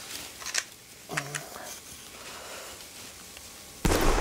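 A sudden, loud gunshot-like blast fired in a kitchen, missing its target, bursts in near the end and its noisy roar carries to the cutoff, after quieter clicks and a brief electronic tone. No one speaks.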